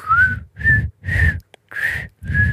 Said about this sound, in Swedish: Och det är så förbannat gränsfall. Är det här att kunna vissla eller inte?